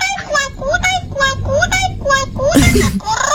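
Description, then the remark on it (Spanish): A voice imitates a parrot's shrill screeches in a run of short, high, harmonic squawks, with a harsh noisy burst near the end, loud throughout. “Ahí son se dan los gritos de la cotorra.”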